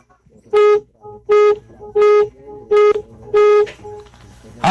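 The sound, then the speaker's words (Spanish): Five medium-length car horn honks in a steady sequence, each a loud, bright blare with short pauses between, fairly even in rhythm. “Nada más para ganar, requiero que me regales 5 bocinazos medianitos.”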